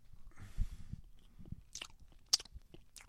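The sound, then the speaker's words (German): Noisy chewing with wet lip-smacks of someone eating bread with their mouth open: soft repeated mashing sounds punctuated by a few sharper smacking clicks, with no talking. “Schmatz nicht so. Ist ungehörig.”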